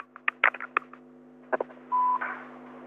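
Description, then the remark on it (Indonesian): Telephone dialing tones over a phone line as the radio show Pro Dangdut takes a listener's call: a quick run of clicky tone bursts, a pause, then a few more and a short steady beep, all over a faint constant hum, with no talking. “Setelah di WhatsApp kita belok lagi ke telepon kita siang hari di 632336”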